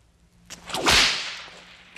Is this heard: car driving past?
no